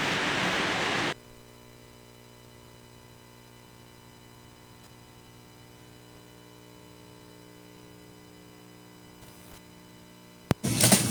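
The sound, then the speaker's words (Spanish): A loud, steady hiss of falling rain fills the first second, then cuts off abruptly to a faint, constant hum with soft ticks, until a short burst of noise returns at the end. “Y ya empezó la lluvia. Lluvia, lluvia acá con nosotros.”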